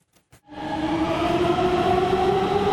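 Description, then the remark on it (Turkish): A metro train on the Gayrettepe–İstanbul Airport–Halkalı line in Istanbul, Turkey's fastest metro, able to reach 120 km/h, runs steadily along the rails after a couple of brief clicks, its loud, sustained rumble carrying distinct tonal hums and a broad rushing roar, with no talking. “Türkiye'nin en hızlı metrosu yolcu sayısında da hız kesmiyor.”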